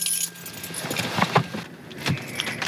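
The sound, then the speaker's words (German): Metal keys jingle and clink in a few quick bursts as a key is taken along after parking a car in Otterndorf, with a low engine-like hum in the background and no one speaking. “Gut, dann wollen wir auch einen Schlüssel mitnehmen.”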